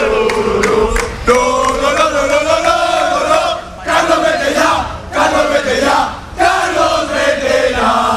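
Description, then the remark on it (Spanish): A large crowd of Valencia football fans chants loudly and in unison against the club's coach, Carlos Corberán, after a Valencia defeat, voices rising and falling together in repeated phrases with brief breaks between them, and no single speaker above the roar. “Hemos escuchado en el arranque del partidazo a Corberán y la situación tan delicada que vive el Valencia, que se ve también un poco reflejada en los aficionados que ahora vuelven a gritar.”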